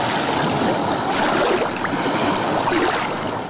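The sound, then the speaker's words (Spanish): Waves washing onto the beach at Laxe on the Costa da Morte make a steady, loud rushing hiss of moving water. The sound is continuous and unbroken, with no talking, and fades slightly at the very end. “Así soan las ondas en la playa de Laxe.”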